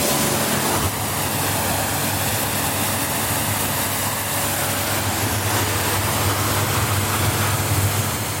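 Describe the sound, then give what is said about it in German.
A motorboat being hosed down at a boatyard in Wallenstadt: a steady hiss of water spray with a low droning motor hum underneath, continuous for the whole stretch, with no voices. “Chef und Inhaber von der Bootswerft Wolf zu Wallenstadt und spritzt gerade das nächste Motorboot ab.”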